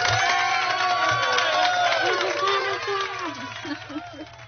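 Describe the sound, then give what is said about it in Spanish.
A crowd cheers and applauds loudly, an effect played on a local radio show to welcome a guest: dense clapping beneath overlapping shouts and whoops, holding steady for several seconds before easing off slightly, with a few rising voiced calls near the end. “Así que, por supuesto, sus aplausos.”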